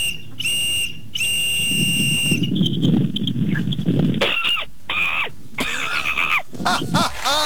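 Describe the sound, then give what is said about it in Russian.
Two shrill, steady whistle blasts, followed by a voice imitating monkey cries: a string of high, wavering squeals and rising-falling screeches over a rough, breathy undertone. “мне непонятно, как ты свисток превратил в мартышку? И зачем? Ты где-то мартышку слышала? Да? Да так именно мартышки кричат.”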